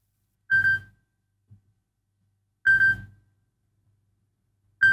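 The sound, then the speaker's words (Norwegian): A telephone rings in short, loud bursts, roughly two seconds apart, with a third ring starting at the end. No one speaks between the rings. “Det ringer, det ringer.”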